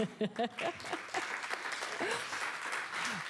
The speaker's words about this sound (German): Wollte jemand klatschen, gerne?